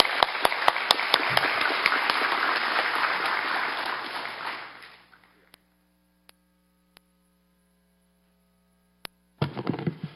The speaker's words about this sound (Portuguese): Agora eu queria passar a palavra para o Raí Souza. Queria chamar ele aqui para dar uma palavrinha para a gente. Por favor, uma salva de palmas.